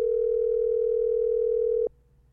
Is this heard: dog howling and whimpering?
no